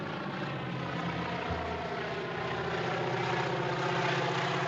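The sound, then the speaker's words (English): A small crop-dusting propeller plane drones loudly and steadily, its buzzing engine filling the whole stretch with a constant roar and low throbbing hum, no voices present. “And then, of course, he sees this little plane appearing in the distance, you know, dusting crops.”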